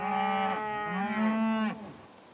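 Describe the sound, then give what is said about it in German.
Longhorn cattle mooing on a pasture where about 100 Longhorns graze, in a long, drawn-out low call that swells and bends in pitch, followed by a second overlapping moo, loud and clear with no talking. “Auf den Wiesen der Familie Bremer weiden rund 100 Longhornrinder.”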